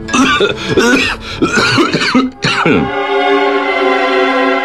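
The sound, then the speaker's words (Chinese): A sudden fit of harsh coughing from a man, as if choking on something, several rapid bursts over a couple of seconds, seemingly acted out by a voice, followed by a steady sustained musical tone. “他像是被什么给呛了一下，突然间一阵咳嗽，咳得涨红了脸。”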